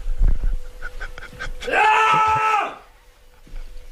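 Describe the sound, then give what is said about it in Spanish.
A man lets out a loud, sustained frustrated scream lasting about a second, rising and then falling away, preceded by a few short clattering knocks and followed by quiet. “Me voy a levantar un momento de plano, algo que no se debe hacer en este programa, pero por favor, no cortéis, es que me voy a levantar de frustración, ¿vale? Para meter un grito como en tu espectáculo.”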